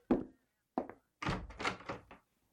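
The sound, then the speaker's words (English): Heavy knocks on a wooden door during supper one evening: two single thuds spaced apart, then a quick cluster of several more raps, fairly loud, with no voices. “One evening, as they were eating supper, there was a knock on the door.”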